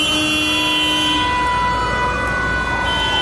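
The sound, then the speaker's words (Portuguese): Loud, dense traffic noise in the Zona Norte, with long, steady car horn blasts holding overlapping tones throughout, over a constant low rumble of engines. No one speaks. “O trânsito que era aqui.”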